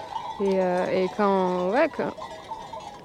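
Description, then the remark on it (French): Two long, wavering bleats from ewes, one after the other, with faint bell clinks and a quiet outdoor pasture background. “Je regarde les brebis en même temps.”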